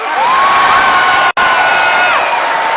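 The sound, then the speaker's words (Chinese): A large audience claps and cheers loudly and steadily, with high whoops and shouts rising above the dense wash of applause. The sound breaks off for an instant midway, then resumes. “姐妹们鼓掌吧，掌声多长腿多长。”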